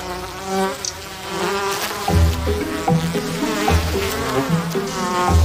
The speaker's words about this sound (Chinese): 在沙漠中，事物往往会突然焕发生机。蜜蜂成群结队的蜂拥而至，不知道是从哪儿冒出来的，成百上千，突然的从地下嗡嗡的飞起来，是地花蜂。